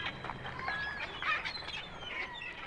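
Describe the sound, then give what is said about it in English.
A parrot at Glasgow Zoo squawks and chatters in a quick string of shrill, scratchy calls and whistles, fairly loud, with no one talking over it. “a squawking parrot”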